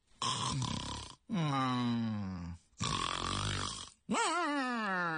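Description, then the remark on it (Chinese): A male storyteller imitates the loud snoring of the character Cheng Yaojin, dozing off leaning back in a chair: four long, rasping snorts in a steady rhythm, alternating throaty rattles with drawn-out, groaning tones that slide in pitch, each separated by a short pause. “呀，睡着了，嘿嘿嘿，我这大哥可真是吃得饱睡得香啊。”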